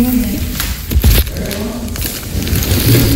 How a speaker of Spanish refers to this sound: Antes de que pase los canes, vamos a destapar los frascos, ¿sí?